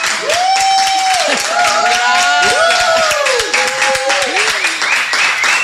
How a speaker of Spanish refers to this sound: Mi invitada de hoy es la recién electa presidenta de Perú, Keiko Fujimori. Un aplauso para Keiko.